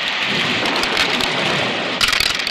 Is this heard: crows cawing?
no